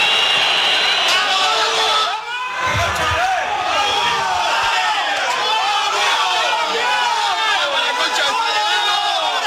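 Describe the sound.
A big football stadium crowd roars and cheers continuously at the end of Huracán's 2-0 win over San Lorenzo in the Clausura tournament, a loud, dense wall of voices with chanting and shouts; one brief dip and a low thump occur early on.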